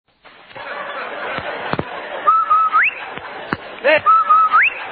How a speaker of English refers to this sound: Hey, Andy, did you hear that, the whistle? Sure do, Amos. That whistle means Rinso white, Rinso bright, Rinso new.